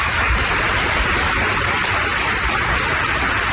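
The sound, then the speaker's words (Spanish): A crowd applauds steadily at a funeral for two Guardia Civil officers, dense clapping blending into an even, hissing wash that holds at the same loud level throughout, with no voices heard. “Es el aplauso y el homenaje que se ha escuchado hoy en ese funeral.”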